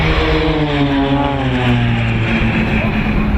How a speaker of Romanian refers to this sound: Păi, spectacolul de avioane în tandem a fost super, super fain